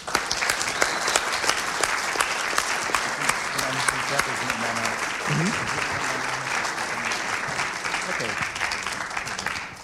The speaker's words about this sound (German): Also, ein Applaus vielleicht schon mal an das Vogt-Theater.